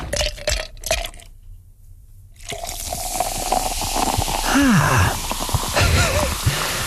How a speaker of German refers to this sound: Prickelt gerade ein bisschen auf dem Trommelfell, oder? Eiswürfel im Glas.